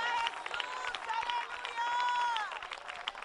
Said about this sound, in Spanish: Denle fuerte aplauso al Señor en esta hora.